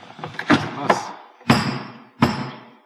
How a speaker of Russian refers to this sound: Трижды постучите по дереву. Постучите.